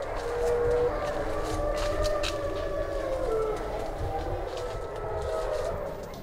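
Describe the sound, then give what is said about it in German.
Several wolves of a pack howl together in their enclosure after dark, in long, overlapping, wavering tones at different pitches, sustained over a steady background rumble with no talking. “Und so werden sie Augen- und Ohrenzeugen mehrerer Heularien.”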